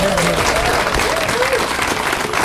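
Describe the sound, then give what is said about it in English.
Steady audience applause at the Burford Festival in Oxfordshire: a dense, continuous wash of many hands clapping at an even loudness throughout, with faint voices murmuring beneath the clapping. “It takes an awful lot of effort, and I'm sure a round of applause would be greatly appreciated.”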